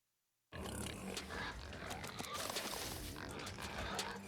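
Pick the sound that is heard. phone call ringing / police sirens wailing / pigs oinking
pigs oinking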